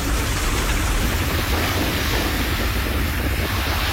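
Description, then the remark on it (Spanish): Steady roar of ocean surf with waves washing continuously, mixed with gusty wind noise buffeting the microphone, loud with no voices. “No, este es del mar.”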